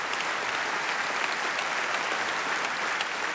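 Steady audience applause fills the whole stretch, a dense wash of many hands clapping at an even level, sounding like a sizable crowd at moderate distance with no voices on top.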